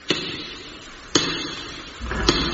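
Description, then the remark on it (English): Three slow, heavy knocks on the wooden door of a house, evenly spaced about a second apart, each a sharp thud with a brief ring, with no voices, in pouring rain. “Knock at the door.”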